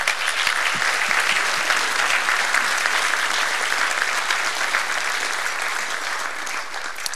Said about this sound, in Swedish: Jag tycker att vi ger varandra en stor varm applåd.